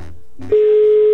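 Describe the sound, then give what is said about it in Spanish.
A telephone tone sounds as a radio station dials out live on air to a listener: a steady, loud, unbroken electronic hum that starts abruptly after a brief muffled voice fragment and holds to the end. “Ya se sonó el teléfono, suerte.”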